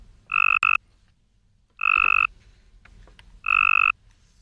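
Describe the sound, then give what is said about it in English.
Three evenly spaced bursts of the buzzy, trilling call of a weaker Cope's gray tree frog, each about half a second long, loud with no other sounds or voices, used in a University of Tennessee study of female tree frog mate choice. “The second, the call of a weaker,”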